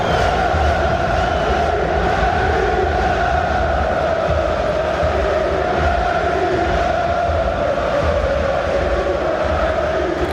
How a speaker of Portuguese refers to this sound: O som da festa nas bancadas de San Siro.